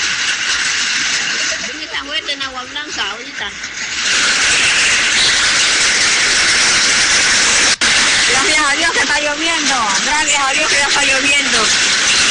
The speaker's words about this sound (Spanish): Oiga, escucha fuerte la lluvia. Pero eso fue ayer. Eso fue ayer. Ayer fue eso.